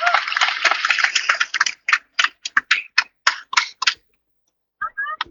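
A burst of dense crowd applause at a gathering in Medan, given for attendees from Muara representing Tapanuli Utara, that quickly thins into scattered individual claps and stops after a few seconds, followed by a short, faint tonal sound.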